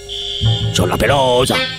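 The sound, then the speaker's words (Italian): A steady, high-pitched electronic alarm tone sounds continuously, joined by a low droning buzz partway through, while a voice talks briefly over it; the alarm signal is played as a test so a woman on the phone can check that she hears it. “mandiamo il segnale d'allarme, per favore, per la signora.”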